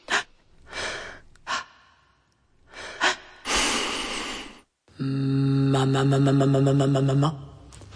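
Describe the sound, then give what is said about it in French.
Rhythmic breathing: quick sharp inhales alternate with longer airy exhales for several seconds, then give way to a steady, buzzing sustained tone. “Rythme et respiration.”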